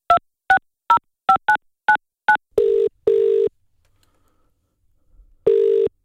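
Seven quick keypad beeps as a number is dialed on a phone held up to a microphone, followed by longer buzzing ring tones separated by a pause, with no voices.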